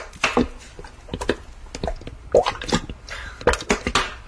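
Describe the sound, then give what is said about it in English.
Peppers are poured into a big saucepan in a quick, irregular scatter of clattering taps and soft thuds, with a few louder bursts as handfuls land. No one speaks. “Pour in all the peppers.”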